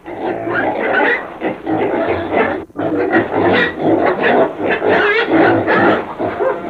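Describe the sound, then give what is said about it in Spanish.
A pig grunts loudly and almost without pause while being told to get out of the way: a rough, snorting stream of harsh noisy grunts that breaks off briefly midway before carrying on. “¡Coche! ¡Coche, apártese, mi madre!”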